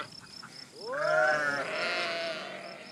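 sheep flock bleating

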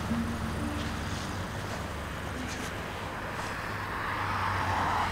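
road traffic noise

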